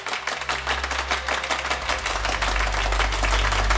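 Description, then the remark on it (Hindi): A crowd in London applauds steadily after speeches at the founding of the Abhinav Bharat organisation, a dense patter of many hands clapping at once with no voices, while a low rumble swells underneath as the clapping carries on. “तालियों के इस गूंज के बीच कोई सुन नहीं पाया वक्त के पहिए की आवाज।”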